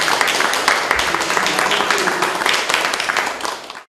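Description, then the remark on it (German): Steady audience applause in Lutherstadt Eisleben, a dense wash of many hands clapping at a fairly even loudness for almost four seconds before stopping abruptly. “Das muss man erstmal leisten und ich denke, da können wir vielleicht auch dafür nochmal einen Beifall spenden.”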